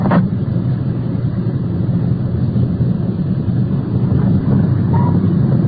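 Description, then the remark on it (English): A car engine rumbles low and steady throughout as the vehicle swings into the circular driveway of a bar, a continuous deep drone with a faint tonal whine near the end and no voices. “Swinging into the circular driveway of the bar.”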